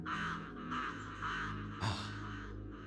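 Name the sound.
crow cawing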